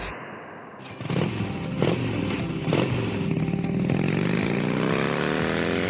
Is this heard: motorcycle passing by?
yes